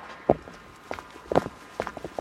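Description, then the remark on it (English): Quick footsteps of a person excitedly running back along a pier to share good news: a steady series of sharp, hollow thumps roughly every half second, moderately loud, with no voices over them. “This is actually just me excitedly walking back”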